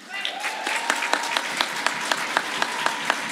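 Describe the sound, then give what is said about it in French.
Applause from a crowd, a steady wash of many hands clapping with a few sharper, louder claps standing out rhythmically, sustained for a few seconds, as an audience applauds a pair of junior competitors at a challenge event. “Merci, ils méritent vos applaudissements.”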